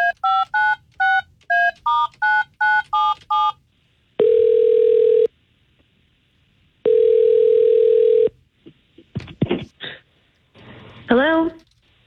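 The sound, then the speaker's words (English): A rapid run of about nine short, evenly spaced dialing tones as the K92.3 morning radio show places a phone call is followed by two long, steady ringing tones. Then a voice picks up and starts talking. “Let's call her and find out what's going on.”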